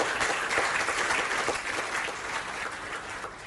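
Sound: audience clapping hands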